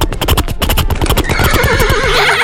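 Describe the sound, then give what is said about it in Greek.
A person imitates a horse's neigh with a loud, sustained whinny: rapid pulsing bursts at first, then a high wavering cry trailing off, alone. “στείλτε μας ηχητικό, μίμηση αλόγου, το καλύτερο άλογο, κερδίζει διπλό εισιτήριο”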